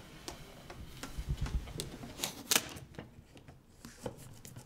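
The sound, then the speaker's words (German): Adhesive tape being pressed onto enclosure panels to hold them together temporarily before they are glued: scattered light clicks and crackles with a few sharper tearing bursts midway, fairly quiet, no voices. “Das schnöde Klebeband ist natürlich nur ein Provisorium und dient dem besseren Halt beim eigentlichen Verkleben.”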